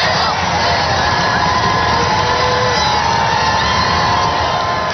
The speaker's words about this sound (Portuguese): O Papa Leão XIV já está no centro de Paris e foi recebido por uma multidão em festa nos Campos Elíseos.